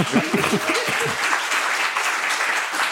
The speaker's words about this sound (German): Ja, gerne Applaus.